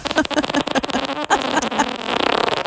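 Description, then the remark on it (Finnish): A long, loud fart, buzzy and sputtering, lasting a few seconds with a rapid flutter that grows quicker toward the end. “Laittakaa tänne ääniviestillä omat pierunne, mutta saa soida tuo ääni uudestaan ja kyse oli siis tästä äänestä.”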